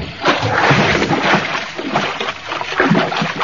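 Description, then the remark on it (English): Loud splashing and churning water that continues steadily throughout, as a man in long Arab robes jumps off the end of a wharf into water near sharks and thrashes about, with no voices. “He jump in water right near sharks.”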